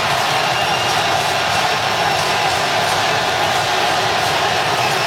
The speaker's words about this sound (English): You can hear the Ecuador crowd chanting for their team.